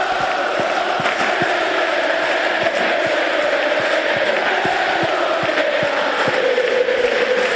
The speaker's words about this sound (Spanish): Hubo cánticos para todos, pero especialmente significativos fueron los gritos de quédate para Pello Canales y Gustavo Puerta.